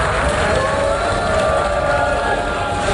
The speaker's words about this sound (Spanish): Así recibían a Benjamín Netanyahu, el primer ministro israelí, con abucheos en la Asamblea General de Naciones Unidas, donde decenas de personas han abandonado la sala del plenario cuando el primer ministro se preparaba para iniciar su discurso.